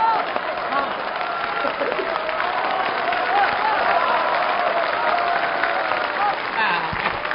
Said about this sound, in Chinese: 知道大家为什么鼓掌吗？